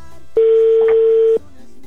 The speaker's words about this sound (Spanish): Ya está sonando, amigo, el teléfono de tu esposa.